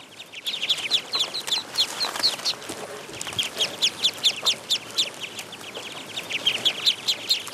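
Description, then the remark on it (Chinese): A flock of ducks in a rice paddy calls nonstop outdoors, a dense chorus of short, high, rapid quacks and peeps overlapping, with no talking and faint background noise. “对啊，那个螺就是这些鸭子的最爱。”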